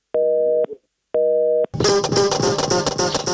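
Two short, loud telephone busy-signal beeps, each about half a second with an equal pause between, then music abruptly takes over for the rest.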